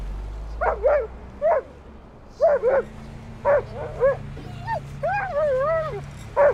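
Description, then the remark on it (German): A female dog gives a series of short, sharp alert barks, often in quick pairs, then breaks into higher, wavering yelps and whines over a low steady rumble. “Sie schlägt an. Fahren wir rüber und sehen mal nach.”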